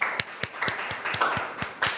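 Classroom applause: students clapping for a classmate's answer to a question about tides, in a steady, fairly even rhythm, around eight or nine sharp claps over two seconds, moderately loud above a soft background murmur.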